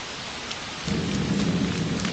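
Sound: rain falling with thunder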